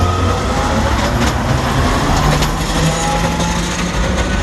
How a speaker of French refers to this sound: Eh ben oui, voilà, c'est ça. Le tramway.